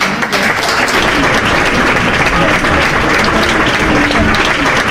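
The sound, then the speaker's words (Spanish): Dense, sustained applause from a sizable crowd, many hands clapping at once in a steady, loud wash that fills the whole five seconds without a break. “aplauso de memoria.”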